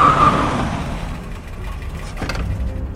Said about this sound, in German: Genau in diesem Augenblick kam ein Auto herangefahren.